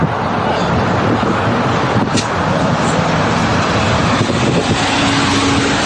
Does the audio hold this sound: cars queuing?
yes